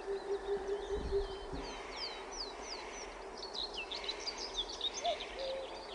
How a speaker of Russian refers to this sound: А вот это называется глухая кукушка. И вот в слове «ку-ку», по-моему, она первый «ку» потеряла. Давайте послушаем.